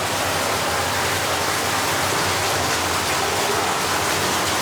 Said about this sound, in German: Genau, jetzt haben wir hier. Hier hinter der Tür ist dann das Wasser, was aus Tschechien kommt. Das ist aber jetzt sehr laut.